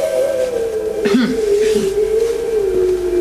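A tied-up dog howls in one long, unbroken wail that wavers slightly in pitch, with a short rough burst like a cough breaking in about a third of the way through.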